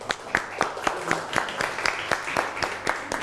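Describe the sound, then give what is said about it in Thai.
A group of students clapping for themselves during an art lesson, in a loose, brief round of applause, with sharp repeated claps at a steady pace, moderately loud. “ปรบมือให้ตัวเองหน่อย”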